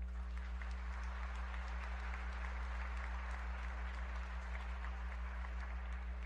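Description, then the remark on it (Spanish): An audience claps steadily for several seconds, a dense patter of many hands at an even level, with a constant low electrical hum running underneath; the applause is for the community of El Reformador and San Francisco. “Están vivos los de Reformador y San Francisco, démoslo en aplauso.”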